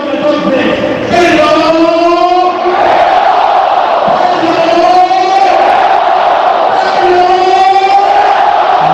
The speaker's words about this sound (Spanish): Otra de las imágenes, el momento en el que mantean sus compañeros a Pedro León. Gritos de Pedro, Pedro. Acompañado por con palmas por los aficionados.